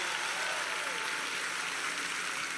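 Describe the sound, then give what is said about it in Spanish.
Steady applause from an audience for the boys, a dense crackle of many hands clapping at an even loudness for a few seconds, with no voices standing out. “Denle un aplauso a los muchachos.”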